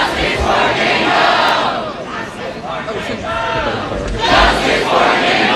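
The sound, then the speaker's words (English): At Cornell University, a crowd of protesters shouts and chants "justice for Jane Doe" over the school's response to sexual assault allegations at a fraternity house. The overlapping voices make a loud, steady roar, with rhythmic swells in the chanting and a surge toward the end. “Yeah, protesters are shouting justice for Jan Doe over the school's response.”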